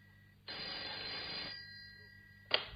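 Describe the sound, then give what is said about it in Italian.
A telephone bell rings in a loud burst of about a second, falls silent briefly, then starts ringing again, over a faint steady background hum. “Ah, finalmente ti sei degnata di telefonare?”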